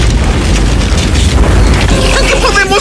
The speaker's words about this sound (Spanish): Es lo mismo que se usa en la estufa de la cocina y es bien sabido que el gas natural puede explotar. Cuando los desechos llegan al desagüe, se desprende gas. Solo se necesita que esos gases regresen a la taza y encuentren una chispa y... ¡Bum!